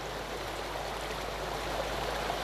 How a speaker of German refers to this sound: Wasser fließt.